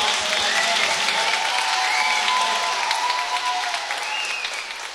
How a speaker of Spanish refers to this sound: ¡Dale! ¡Un aplauso!